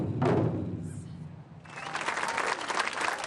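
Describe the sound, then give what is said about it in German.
Deep, booming strikes on large taiko drums on the Rhine riverbank in Düsseldorf, opening a big event, resonate heavily for a moment, then give way to a burst of loud, sustained crowd applause and cheering. “Sobald die großen Taiko-Trommeln am Düsseldorfer Rheinufer geschlagen haben, ist das Publikum da.”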